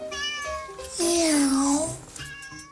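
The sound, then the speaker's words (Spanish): A cat lets out one long, drawn-out meow, loud, its pitch rising then sliding down, framed by softer tonal murmurs before and after. “El gato oculto de Fren no se traga los cuentos sobre el Mayo y Rocha Moya y Maulla, que los gringos saben todo.”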